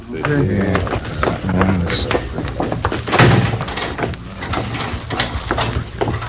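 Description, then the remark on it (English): A heavy door opens with mechanical clanks and scraping, ending in a solid thud midway through, with muffled voices and movement in the background. “I'll get the door.”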